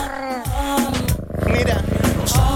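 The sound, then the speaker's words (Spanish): A low, steady rumbling purr from the cat Ñau with a fast pulsing rhythm runs through the whole stretch, while a voice speaks over it at the start. “Gato Ñau, mándale un ronroneo a la amiga, por favor.”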